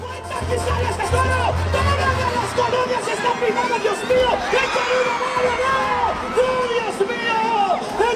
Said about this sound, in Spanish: El público se unió en un grito de terror. La música se detuvo y el presentador advertía a los paramédicos que volaran para ayudar al herido.